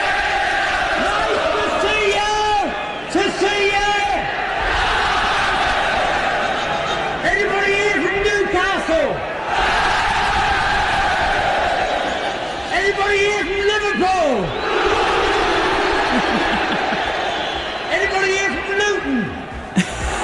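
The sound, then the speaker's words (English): A huge stadium crowd at the 1974 FA Cup final, led by Bruce Forsyth, chants in unison, the same sung phrase rising every few seconds over a constant roar of massed voices, loud and reverberant. “At the 1974 FA Cup final, this is how you do it. He really knew how to get the crowd going.”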